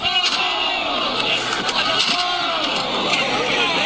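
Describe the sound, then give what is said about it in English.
A loud, rowdy crowd in the streets of New York shouts and roars continuously, chanting each other on, with sharp bangs and crashes as they slam objects against a school bus, tearing it down. “They're slamming things against the school bus, tearing it down. And then chanting each other on.”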